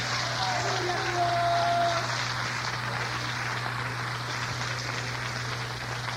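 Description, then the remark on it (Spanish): An audience applauds for Jesus at night in a steady, dense wash of clapping that holds for about six seconds, with a low electrical hum underneath and a brief sustained tone near the start. “Dele un aplauso a Jesús en esta noche.”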